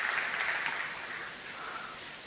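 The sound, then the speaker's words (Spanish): A crowd applauds the president during an interview, steadily throughout, a dense crackle of many hands clapping, easing off slightly toward the end. No one speaks. “Acá lo aplauden, por si no escucha.”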